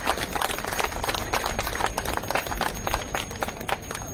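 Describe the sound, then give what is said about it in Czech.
A crowd claps steadily for several seconds, a dense, even patter of many hands with no voices standing out and no break in the sound. “Ten potlesk vám právě patří.”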